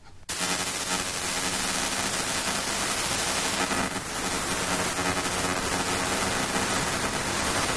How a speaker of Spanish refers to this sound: No, no, no es ninguna interferencia. Esto que habéis escuchado, que dices, uy, mi radio va mal. No, tu radio no va mal. Esto es lo que se llama L-Band Aero Radar. Es un radar primario, radar de vigilancia primaria.